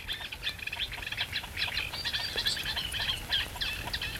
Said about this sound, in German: Was war das eben für ein Ruf? Und das kommt von einem Teichhuhn. Das ist eine Art Warnlaut, möchte ich sagen.